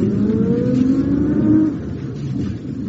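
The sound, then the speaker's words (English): A Rolls-Royce car engine revs with a steady low hum that climbs in pitch as the car pulls up outside the town hall. Partway through it drops back to a quieter idle-like rumble. No one speaks. “There's another Rolls pulling up outside the town hall.”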